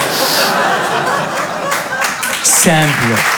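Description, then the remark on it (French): Steady crowd applause fills the whole few seconds, a dense wash of clapping mixed with laughter, and a single voice rises briefly in a laugh or cheer near the end. “Applaudissez tous ensemble.”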